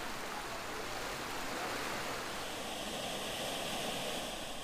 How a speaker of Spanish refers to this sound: El cantón de Belén pertenece al área metropolitana de San José. Aquí vive 1 millón de personas y por todas partes brota agua del suelo. Hay decenas de manantiales.